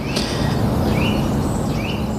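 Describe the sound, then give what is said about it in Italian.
A Eurasian nuthatch sings a few clear, rising whistled notes, evenly spaced, over a steady wash of outdoor background noise. “Questo che canta, che si sente bene, invece è il picchio muratore.”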